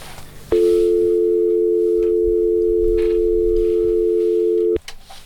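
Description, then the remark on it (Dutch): A telephone rings with one loud, steady electronic tone that holds for about four seconds, then cuts off abruptly, over faint low background noise. “En de telefoon gaat even over”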